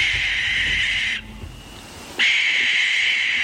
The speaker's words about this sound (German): Oder dann die Schleiereule.